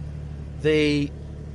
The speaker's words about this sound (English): So we've got the ignition on there. Listen to that. There's actually zero starting up. It just spins the car up straight away and starts the engine. And then you get that great sports exhaust as well.